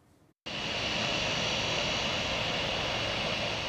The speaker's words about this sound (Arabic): رصد مراسل تلفزيون سوريا هبوط أول طائرة في مطار دير الزور الدولي لرحلة داخلية قادمة من دمشق